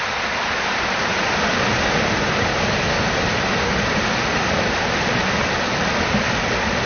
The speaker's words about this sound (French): Et puis, le chant du ruisseau. Voilà. Faut qu'on l'écoute, le chant du ruisseau.